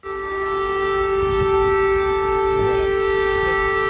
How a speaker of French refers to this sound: Cette alarme que vous entendez, les habitants de Kiev y sont tristement habitués. Eh bien, cette nuit, la nuit précédente, ils ne l'ont pas entendue, ou parfois bien trop tard.